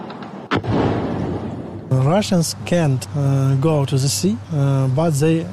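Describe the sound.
A sharp burst of anti-aircraft fire cracks out in Odessa, Ukraine, amid Russian drone attacks in summer, then a low rumbling roar fades for a moment before someone starts talking over a faint steady hum.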